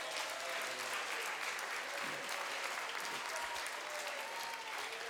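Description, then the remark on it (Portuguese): An audience applauds for Christ, a dense, continuous wash of clapping that holds an even loudness throughout, with faint voices and cheers mixed in. “Aplausos para Cristo.”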